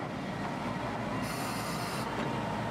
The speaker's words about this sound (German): Berühmt ist die Alishan Railway für ihre Streckenführung. Um einen großen Höhenunterschied ohne Zahnrad überwinden zu können, fährt der Zug im Zickzack hinauf. Dabei fährt er in ein Stumpfgleis und hält an.